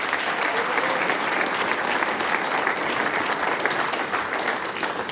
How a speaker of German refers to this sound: Und die …, die sechs Herren, kriegen natürlich auch noch einen großen Applaus.